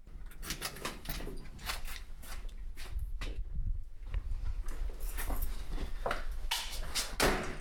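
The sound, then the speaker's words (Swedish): The door to an archive's public areas swings shut as people enter its closed storage stacks, amid a busy run of sharp knocks and clatter, probably footsteps, with a low thud in the middle. Fairly loud, no voices. “Slog dörren igen för de publika ytorna så att nu är vi då i våra slutna magasin.”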